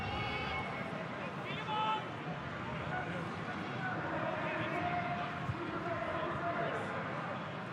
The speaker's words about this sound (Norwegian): Det pipes fra publikum.